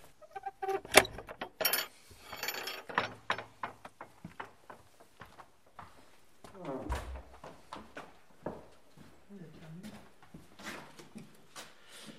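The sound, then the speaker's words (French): Metallic clinks and jangling keys, followed by the scrape and clunk of a key turning the lock of a chapel door and the heavy door shifting, with soft voices murmuring in between. “Vous avez la clé. Voilà. Non, d'habitude, ce n'est pas fermé.”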